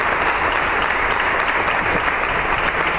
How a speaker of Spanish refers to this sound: Ha comenzado con un minuto de silencio en muestra de respeto y recuerdo hacia el regidor fallecido el pasado domingo. El minuto se rompía con un aplauso por parte de toda la corporación.